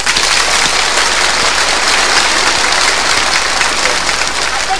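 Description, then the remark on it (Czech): Loud, dense applause from a large audience giving stormy applause on request, a steady wash of many hands clapping without pause and no voices standing out above it. “Jo, a teď pozor, ale prosím vás, nechte si jako dobří hospodáři rezervu. Bouřlivý teď.”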